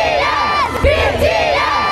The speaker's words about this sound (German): Und gleich eine Band, auch K-Pop, die hat gerade erst mehr als 70.000 Menschen zum Schreien gebracht.